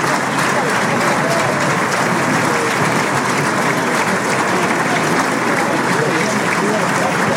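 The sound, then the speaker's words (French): A large bullring crowd applauds the picadors, including Agustín Colliado, steadily: a dense, loud wash of clapping that holds without pause for several seconds, with faint voices murmuring underneath. “C'est bien d'applaudir les picadors, surtout quand ils font bien l'officio.”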